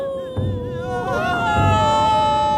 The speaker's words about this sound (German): Die Klageweiber jedenfalls kamen aus dem Weinen nicht mehr heraus.